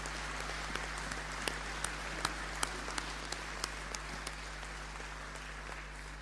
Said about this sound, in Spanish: Y por eso yo quisiera que, en honor a todo ese sacrificio y ese esfuerzo, le demos un aplauso a los agentes pastorales del campo y la ciudad.